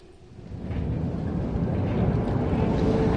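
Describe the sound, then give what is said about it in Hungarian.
A distant, late-running tram rumbles by, a low, steady mechanical roar that swells over the first second and then holds at an even level with no voices. “A megkésett villamos távoli zaja, mintha egy pillanatra erőt adott volna a megtámadott férfinak.”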